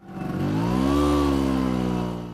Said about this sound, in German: Es ist ein vertrautes Geräusch für die Menschen in Italien. Eine knatternde Vespa, gespeist mit einer Mischung aus Öl und Benzin, die durch die Gassen braust. Doch zuletzt ist das Knattern seltener zu hören.